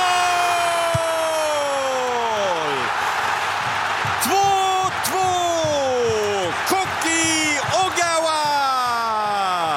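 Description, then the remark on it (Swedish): A loud, sustained stadium crowd roar from the Japanese section of the stands as Japan equalizes 2-2 against the Netherlands in the 88th minute, with repeated long falling whoops and cheers rising over the steady din. “Och vilket jubel på den japanska delen av läktaren.”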